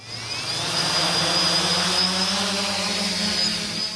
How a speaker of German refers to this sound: 2 Drohnen starten in einem riesigen Käfig, 15 Meter hoch, erinnert an eine Vogelvoliere.